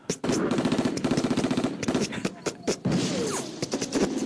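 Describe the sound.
A voice imitates popcorn popping with a rapid, uneven string of sharp little bursts, loud, sputtering like quick-fire mini explosions for a few seconds.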